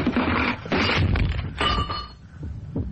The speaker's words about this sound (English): Hey, what are you doing? Why are you pulling the clock away from that? Hey, hey, look out! It's falling!